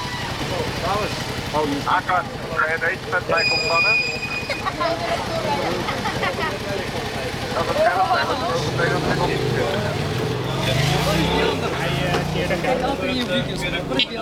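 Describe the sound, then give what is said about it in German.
Busy street noise at an intersection in Amsterdam-West during an afternoon traffic check by 15 police officers stopping fatbike riders, with idling and passing engines, a brief high tone, and people talking throughout, the traffic rumble growing heavier toward the end. “Verkehrskontrolle an einer Kreuzung in Amsterdam-West.”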